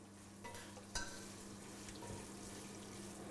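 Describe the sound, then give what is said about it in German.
Kitchen cooking sounds as a festive meal of home-country specialties is prepared: a steady sizzling hiss like food frying, with a couple of sharp clinks and stirring scrapes near the start, without any talking. “In der Küche wird gewirbelt.”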